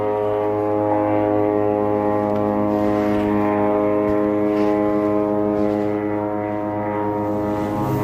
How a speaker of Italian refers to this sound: Benvenuti a Gaza. Fai l'audio 1. Aerei.